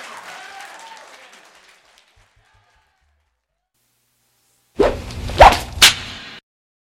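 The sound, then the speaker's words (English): Audience applause for a blues band tapers off and fades into silence, followed after a pause by a short, loud burst of swooshing, whip-like noise that ends abruptly. “give the … band a round of applause.”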